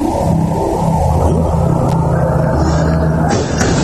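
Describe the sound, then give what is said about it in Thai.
A motorcycle engine drones loudly and steadily on a road in Thailand where monks are walking, its low, buzzing rumble holding throughout with slight shifts in pitch as it goes by; no voices are heard. “ฟังเสียงแล้วกันจินตนาการตามนะฮะเสียงรถมาก่อนมอเตอร์ไซค์แล้วก็พระเดินมาหลายรูปมานี่มอเตอร์ไซค์นะสักพักหนึ่งมีรถยนต์มา”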